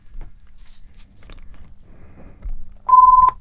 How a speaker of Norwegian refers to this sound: Og der ringer telefonen.